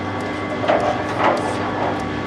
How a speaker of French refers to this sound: Je vais allumer le mixeur. Ouais. Pour le refroidisseur. Et là, je suis sur Guatemala, donc je vais sortir dans une petite minute.